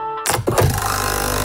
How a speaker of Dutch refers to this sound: Ah, dat is het geluid van de nieuwe Nescafé Roastery voor jouw Nespresso-machine. Geen bla bla bla. Simpelweg heerlijke koffie verpakt in een capsule.